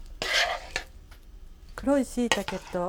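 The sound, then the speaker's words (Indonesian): A short scraping clatter of a utensil against a frying pan as a cooked dish of dark mushrooms and green beans is scooped out into a large bowl, with a sharp tap, followed by someone talking. “それでは盛り付けをしましょう. 大きめの器にたっぷりと盛ります.”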